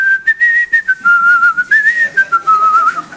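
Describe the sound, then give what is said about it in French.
Someone whistles a lively melody, clear and fairly loud, the notes gliding and bouncing in short phrases with brief breaths between them. “Tu sais à quoi on connaît les très très bons? Ils sifflent.”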